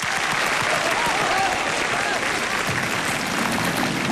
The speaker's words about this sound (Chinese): 你听我的，你加油，来给点掌声鼓励。